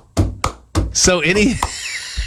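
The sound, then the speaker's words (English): A voice imitates stomp-and-clap percussion: three evenly spaced, sharp thumping hits, then a wavering sung vocal sound punctuated by another crisp hit before fading out. “Or, you know, I would go so far as to say as the song we just heard, where it's got the basically the stomp and clap going on in the background with the percussion going like.”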